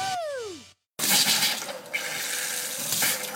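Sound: water running from tap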